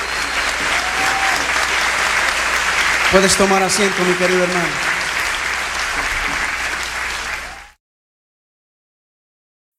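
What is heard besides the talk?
audience applauding loudly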